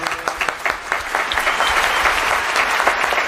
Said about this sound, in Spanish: Sí que cabe gente en los palcos nuevos. Sí que cabe gente. Qué bien suenan además los aplausos desde los palcos.